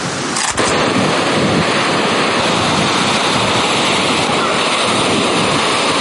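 Loud, steady roar of sea waves breaking on a shore, a continuous wash of surf, with a short bump near the start and no voices.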